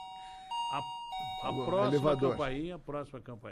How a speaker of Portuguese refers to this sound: Faz que toca a campainha. Olha lá.